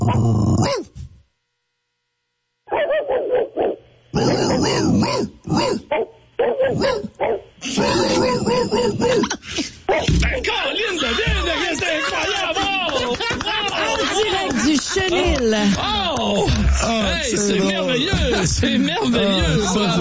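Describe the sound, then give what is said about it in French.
Two voices imitate dogs meeting at a dog park, each on their own side of the fence, trading yaps, barks, growls and whimpers that overlap and build into a dense, nonstop chorus after a brief silent pause. “tu nous as fait le gros chien bâtard”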